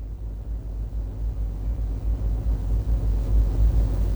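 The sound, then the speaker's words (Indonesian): Steady low rumble of passing vehicles at the busy four-way traffic-light intersection of Gatot Subroto Dalam in Banjarmasin, South Kalimantan, Indonesia, traffic flowing smoothly in all directions, engines droning continuously with swells as cars go by, no voices. “Dapat kita saksikan bersama situasi arus lalu lintas di simpang 4 Traffic Light Gatot Subroto Dalam terpantau lancar di semua arahnya, baik dari arah Jalan Veteran menuju Jalan Sungai Lulut maupun sebaliknya,”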